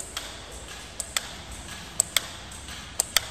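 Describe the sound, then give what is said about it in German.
Simple wall clocks with black dials, hung at different heights on the walls of an exhibition room, tick steadily as their second hands fail to turn further: sharp crisp clicks falling in close pairs about once a second, fairly quiet against a faint background hiss with no one talking. “Die Quelle dieser rhythmischen Stromstöße sind einfache Uhren mit schwarzen Zifferblättern, die auf verschiedenen Höhen an den Wänden des Ausstellungsraumes verteilt sind.”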